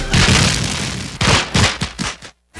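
Fireworks explode loudly: a sustained crackling roar, then a quick series of about five sharp booming bursts, a brief silence, and another blast starting.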